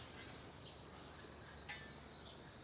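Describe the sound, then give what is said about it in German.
Faint, high chirps from wary macaws repeat sporadically over a soft, steady background hiss, with no voices. “Die Nüsse nehmen sie zwar, aber die Vögel sind noch misstrauisch.”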